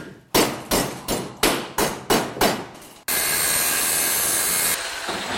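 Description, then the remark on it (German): Metal sculptor Ronald Knoll works scrap metal in his small workshop in Hassenhausen, Burgenlandkreis: seven loud, evenly spaced hammer blows ring out on metal, each decaying quickly, then a harsh, steady hissing roar takes over for the remaining seconds. No one speaks. “Hämmern, Schweißen, Löten.”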